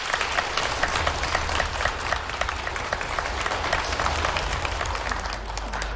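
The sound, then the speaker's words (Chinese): An audience at a crosstalk (xiangsheng) show applauds steadily for several seconds as two young performers come on, a dense, even wash of many hands clapping at once with a faint low rumble underneath and no voices standing out. “谢谢， 感谢您， 感谢大伙儿热情掌声。”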